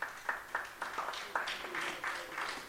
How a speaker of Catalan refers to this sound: Molt bé, aplaudiu-vos, aplaudiu-vos, que ho heu fet molt bé.